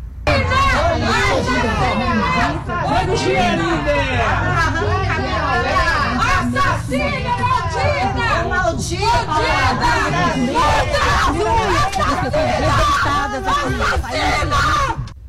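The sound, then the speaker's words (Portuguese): A crowd of neighbours and others shouts angrily in protest as a housekeeper arrives under police escort for a crime reconstruction, many overlapping raised voices forming a loud, continuous roar of jeers and yells with occasional shrill cries, sustained throughout without pause. “Ao chegar no local escoltada por policiais, a diarista foi recebida sob gritos de revolta de vizinhos e outras pessoas que aguardavam a chegada para a simulação.”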